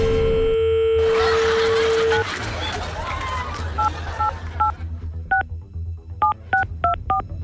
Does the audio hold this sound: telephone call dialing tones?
yes